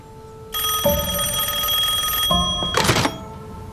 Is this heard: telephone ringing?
yes